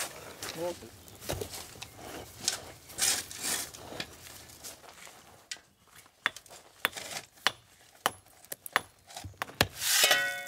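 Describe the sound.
A wide-faced hammer strikes paving stones into the ground: about six sharp, clacking knocks at a steady pace in the second half, after scraping and shuffling of stones with faint voices nearby.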